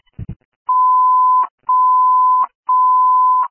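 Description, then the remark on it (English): A dispatch station alert tone sounded to alert engine 13: three long, steady, high beeps of equal length with short gaps between them, loud and clear, preceded by a brief low thump and no talking. “Ring alarm for engine”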